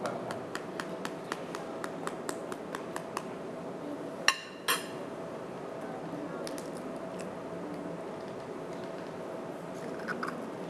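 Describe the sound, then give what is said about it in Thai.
Eggs are gently cracked into a bowl: two sharp knocks in quick succession stand out, after a run of light ticking clicks, all over a steady low background hum. “ครับค่อยๆตอกนะครับ”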